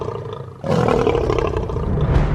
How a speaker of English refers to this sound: So the louder the roar, the better. In fact, a lion's roar can be heard up to 8 kilometres away. Lions use their impressive roar to warn rivals and to instill fear into all who hear it.